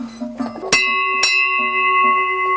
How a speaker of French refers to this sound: Alors, le battant, là, ça, c'est le battant. Ça, ça peut être un os, ou un morceau de bois, ou un morceau de fer. Ça, c'est plutôt des cloches, bon, on les met pour transhumer, mais qui pouvaient rester sur les vaches l'été, voilà.